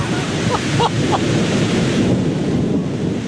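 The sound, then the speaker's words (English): Steady, loud rain roars with a deep rumble of thunder beneath it as a storm begins just after parking, continuous throughout, with a few faint high chirps near the start and no talking. “So we just parked, and it is starting to thunder and rain.”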